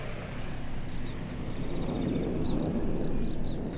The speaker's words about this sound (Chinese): 前几天飞机离我们远，今天飞机快降落了，离我们近，所以声才大。